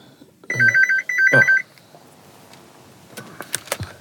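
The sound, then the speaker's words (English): A home landline phone rings loudly: two quick electronic warbling bursts, followed by faint clicks and handling noises as the ringing stops. “Yeah, phone the home phone now.”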